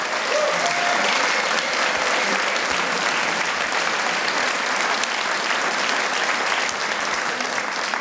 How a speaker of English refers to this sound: And the other member of the band is Mr. Samuli Volanto. He's behind you at the sound desk. So big applause to Samuli.